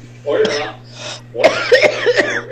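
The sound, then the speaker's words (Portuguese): A woman coughs repeatedly in a recorded audio message: a rough, drawn-out cough, a breathy inhale, then a quick run of several sharp hacking coughs, over a steady low electrical hum like a phone recording. “Ela mandou um áudio só tossindo.”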